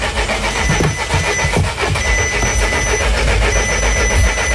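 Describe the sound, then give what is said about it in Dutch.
A car engine cranks with a rapid, rhythmic churning that labours on without catching, fairly loud over a steady mechanical hum, with no one speaking; a car whose battery has given out in hot weather. “Accu's die het ook met de extra hitte eerder begeven.”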